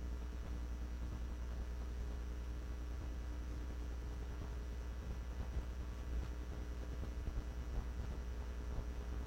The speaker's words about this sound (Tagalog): Ang hangin.